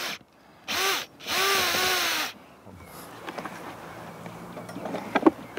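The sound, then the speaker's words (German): A power drill whines loudly in two bursts, a short one then a longer one, its motor pitch rising and dipping, as two air-supply holes are drilled into the lower end of a clay furnace of about 100 kg at a fireplace, followed by quieter scraping and crumbling noises. “Kai Liebscher bohrt zwei Löcher. Sie dienen der Luftzufuhr.”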